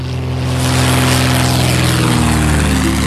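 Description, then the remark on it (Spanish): The propeller engine of the airplane piloted by Amelia Earhart with her assistant Fred Noonan drones steadily and loudly, with a low, throbbing hum and harmonic buzz that shifts slightly in pitch near the end. No one speaks. “se le perdía el rastro al avión que pilotaba Amelia Earhart con su ayudante Fred Noonan.”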